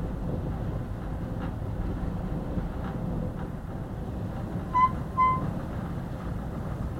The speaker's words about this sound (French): Ça, c'est la porte qui vient de s'ouvrir à cause du vent. Parce que la porte ne ferme pas.